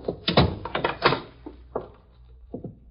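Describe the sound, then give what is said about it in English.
A door being opened: a quick cluster of wooden clunks and latch rattles, followed by a few softer, spaced knocks as it settles. No voices are heard. “Why'd you open the door right away, Hooker?”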